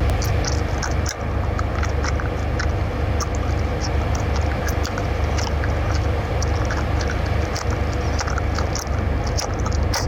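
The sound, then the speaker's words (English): A cat's owner chews food out loud, with steady wet smacking and small crunchy clicks repeating over a dense, continuous noisy background, and no one talking. “So, this is the owner chewing, and the cat looks at the owner like, please stop.”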